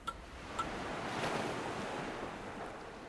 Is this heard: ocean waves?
yes